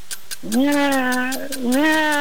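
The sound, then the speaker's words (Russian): A person imitates a cat in heat that wants love, letting out a long, wavering yowl that rises and dips in pitch, sustained for about two seconds, loud. “Кошка, которая хочет любви.”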